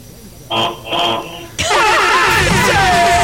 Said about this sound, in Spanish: Señores, quiero decir que necesitamos que nos des bocinazos. Dos bocinazos medianos